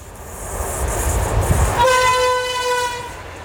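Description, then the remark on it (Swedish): A train rumbles past, then a loud, sustained horn blast sounds about halfway through, honked by the train driver in salute to a spruce tree, and holds steady for over a second before fading, with the rail noise continuing underneath. “Och än idag tradition att man hälsar och tutar och visar ära för det här trädet som är en gran.”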